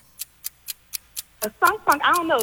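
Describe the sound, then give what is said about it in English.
A game timer for a timed trivia question round ticks in a quick, steady rhythm, sharp clicks roughly four per second, alone at first; then a person starts talking over the continuing ticks. “Start the clock.”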